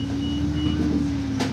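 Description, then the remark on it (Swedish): A city bus in Dunkirk drones steadily with a low, constant hum as it stops at the town's main square, then a short sharp hiss near the end, like air brakes or doors releasing, as a passenger gets off. “Jag stiger av bussen vid Dunkerques stora torg.”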